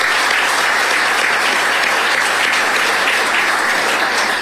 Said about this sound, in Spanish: En verdad, muchísimas gracias y un aplauso, por favor, para ellos.